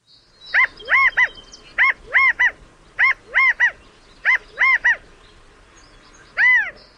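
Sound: california quail calling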